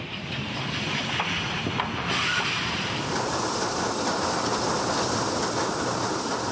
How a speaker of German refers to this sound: Unser Sonderzug fährt weiter Richtung Osten.